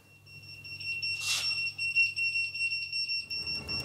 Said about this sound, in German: Alarm für die Ortsfeuerwehr Brinkum. Rein in die Schutzanzüge und dann zu den Einsatzfahrzeugen.